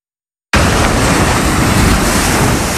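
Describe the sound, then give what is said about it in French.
Strong wind roars by the sea at the Goury lighthouse, at the tip of the Cotentin peninsula in France, in a loud, steady rush of noise that begins abruptly after a brief silence. No voices are heard. “Tout au bout de la presqu'île du Cotentin, le phare de Goury, dans le vent,”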